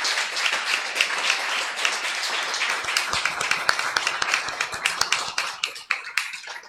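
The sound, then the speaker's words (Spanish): An audience applauds the Lord, starting as a dense wash of clapping that thins over several seconds into sharper, scattered individual claps with no talking. “Damos un fuerte aplauso al Señor por la hermana”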